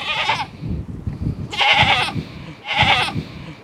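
Goats bleat three times in quick succession, each call loud, nasal and wavering, about a second apart, over a low rumble of farmyard background noise.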